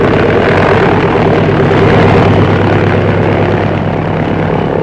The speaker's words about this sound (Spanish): Rosco controló el timón y la pequeña avioneta levantó el vuelo rápidamente. Ganaban altura y pronto la ciudad de Tuxtla Gutiérrez fue perdiéndose en la lejanía.